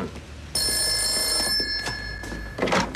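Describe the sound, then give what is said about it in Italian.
A telephone rings once with a bright, steady electronic trill lasting about a second, then cuts off, leaving quiet room noise with a few soft knocks and rustles; the call is from Signora Tarantini for Commissario Montalbano. “La signora Tarantini al telefono.”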